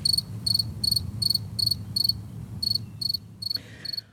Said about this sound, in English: So let me actually then get to a modern day cricket sound. Just so for folks who don't remember, here is what crickets today sound like.